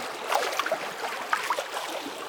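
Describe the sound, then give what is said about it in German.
Soft water sloshing and lapping gently at a pebble beach, with small bubbly splashes and a steady wet hiss, quiet, no voices. “Vielleicht am See, vielleicht schwappt auch das Meer so ganz sachte an einen Kieselstrand.”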